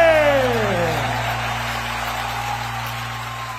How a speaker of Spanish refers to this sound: ese aplauso, señores, fuerte.